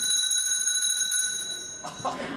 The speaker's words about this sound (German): Es läutet. Da kann ich Sie beruhigen, Herr Direktor. Das liegt nur daran, dass wir eine Glocke haben. Das ist nichts Besonderes.